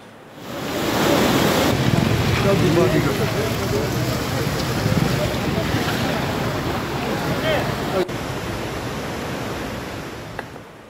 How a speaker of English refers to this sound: Visuals now coming in from Mahinder in Pooch now show a flood-like situation and heavy rain, causing rivers and streams to overflow. Water entered homes and submerged fields in the Adi area, disrupting normal life across several villages.